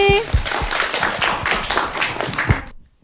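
A crowd breaks into applause, a dense wash of many hands clapping steadily for about two and a half seconds before stopping abruptly, with a brief tonal blip at the start.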